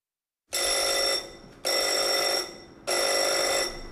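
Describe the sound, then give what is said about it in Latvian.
A school alarm bell rings in three loud, shrill bursts, each under a second, separated by short pauses, with no voices, at Riga Secondary School No. 64 on Ūnijas Street in Purciems, Riga, Latvia, a school for grades 7 to 12, as pupils hide under desks. “Skolā Ūnijas ielā, kur mācās 7-12. Klašu skolāni, ir noskanējis trauksmes zvans, un daudzos kabinetos ir dzirdami trokšņi.”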